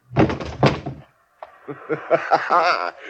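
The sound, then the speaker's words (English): A heavy thud of a blow landing with force as a man named Waring is knocked out, followed after a short pause by a man's strained vocal cry or groan. “Thanks for knocking out Waring.”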